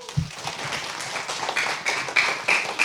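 An audience applauds steadily for about three seconds, a dense wash of many hands clapping, with a few high-pitched whistles rising over it toward the end.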